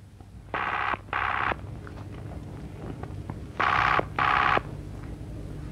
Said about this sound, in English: Better ring the police first. There's a public phone box over there, and I can still keep my eye on that door.